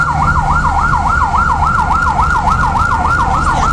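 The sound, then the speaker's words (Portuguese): A fire engine siren of the Ribadeo firefighters, going to put out a fire in a graphic arts shop on Carlos III street, wails in a fast, steady up-and-down yelp, loud, repeating evenly over a low engine rumble with no voices. “Este é o son dos bombeiros de Ribadeo que acudiron a apagar o lume iniciado nunha tenda de artes gráficas na rúa Carlos III.”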